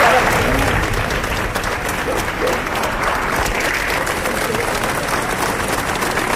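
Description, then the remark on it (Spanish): Hundreds of people in Murcia applaud steadily outdoors as Mayor Ballesta's funeral procession heads toward the cathedral. A dense, continuous wash of clapping holds at an even loudness throughout, with some indistinct voices, including shouts of '¡Viva el alcalde!', mixed into the ovation. “Allí la comitiva fúnebre ha enfilado el camino hacia la puerta del concejo de la catedral, acompañado de cientos de murcianos que le han despedido al grito de ¡Viva el alcalde! Y aplausos para despedir a Ballesta.”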